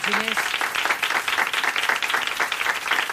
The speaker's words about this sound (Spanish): Muchas gracias a ti, Alberto. Un aplauso para Alberto Ginés.